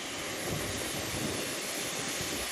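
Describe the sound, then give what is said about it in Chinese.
Two aircraft jet engines running with a steady, loud, full-spectrum roar, a constant rushing hiss over a rumbling low end, holding the same level throughout with no voices; the engines also throw out a strong blast of air. “不光如此，在巨大发动机产生的气浪面前，人很难保持纹丝不动。”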